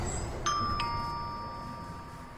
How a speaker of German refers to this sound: Da ist Bergstraße 15. Da steht's. Heilzentrum. Hi. Ach, eine Klingel. Vielleicht mit der Nase.